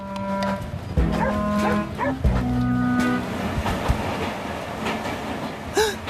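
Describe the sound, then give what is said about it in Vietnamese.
A train runs along the rails with a steady, loud rumble and occasional clunks, while cattle moo over it in the first few seconds; a higher squeal rises near the end. “Mẹ thích du lịch bằng tàu hỏa lắm.”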